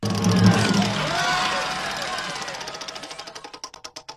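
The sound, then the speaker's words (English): A wheel of discussion topics is given a big spin, a rapid ratchet of clicks that gradually slows, each tick spacing out until it nearly stops. Muffled crowd noise and voices fill the start. “All right, let's go. Give it a big spin!”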